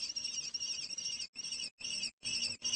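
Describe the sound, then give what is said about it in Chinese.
Young kestrel chicks in their nest in a small town screech in alarm as two crows fly at the nest, a shrill, high-pitched, continuous calling broken into four loud bursts by brief pauses, with no talking. “面对危险，幼雏们大声呼救。”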